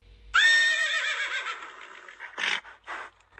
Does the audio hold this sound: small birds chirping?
no